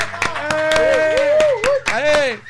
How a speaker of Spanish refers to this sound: Pero hoy tenemos muchos amigos aquí en Latina Estéreo. Un aplauso, muchachos. ¡La bulla!